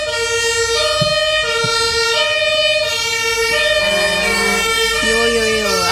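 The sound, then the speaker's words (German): Emergency vehicle sirens wail loudly and continuously outside, their rising and falling tones overlapping and sweeping in pitch as the vehicles pass, with a low traffic rumble underneath. “Auch unterstrichen von den Sirenen.”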